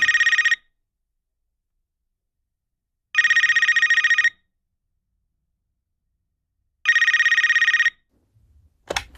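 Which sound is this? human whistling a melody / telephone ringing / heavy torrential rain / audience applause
telephone ringing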